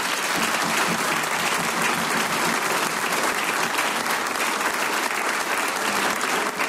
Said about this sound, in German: Großer Applaus.